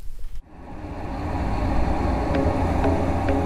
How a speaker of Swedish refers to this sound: Och så ska vi spela upp en simulerad trafikmiljö. Mm. Som är ganska starkt ljud. Ligger mellan 75 och 80 decibel.